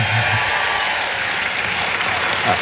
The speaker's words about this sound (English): A cheer. Come on.